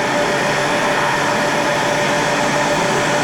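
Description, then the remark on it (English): An air conditioning unit runs steadily with a loud, even whooshing hiss and a faint hum, unchanging from start to finish, with no voices. “The good thing about her, she had air conditioning. Oh, lovely. And it's working.”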